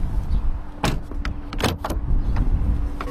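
A self-driving robotaxi's car door with automatic pop-out handles is opened on a city street: a few sharp mechanical clicks and a thunk over a low engine-like rumble, followed by a soft latch sound, with no talking.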